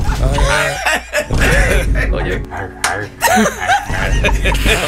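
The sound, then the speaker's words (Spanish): A person mimics a dog's bark with a series of short, forceful voiced yaps, loud, coming in uneven bursts with brief laughter-like sounds between them. “A mí me ponen a ladrar y yo le hago.”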